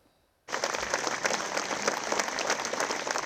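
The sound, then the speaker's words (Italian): After a brief quiet moment, a large crowd at the funeral of Andrea Moretti, a 22-year-old worker, in Crognaletto, Abruzzo, Italy, bursts into a long applause as the white coffin leaves between two rows of people and white balloons rise; a dense, steady wash of many hands clapping that continues without letting up. “I palloncini bianchi in aria, un lungo applauso, la bara bianca che esce tra due ali di gente, la sua gente, quella di Andrea Moretti, il 22enne operaio morto sul lavoro al Colosseo.”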